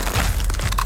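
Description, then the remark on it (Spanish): A loud crunch of someone biting into a crisp Crunch brand tortilla chip, made by Instamasa in Costa Rica, with dense crackling and brittle snapping filling the short moment, no voices present. “La tortilla chip más crujiente.”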